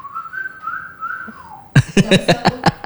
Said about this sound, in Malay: Nyoba siul gitu ya.